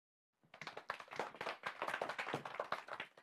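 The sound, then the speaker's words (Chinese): Audience applause welcoming a researcher from the National Museum of China as the lecturer of a class, starting abruptly and holding steady, a dense wash of many hands clapping at a fairly loud, even level with no voices over it. “掌声有请。”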